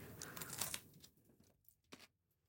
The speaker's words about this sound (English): I don't want to make too many chewing noises on the radio. This is really good.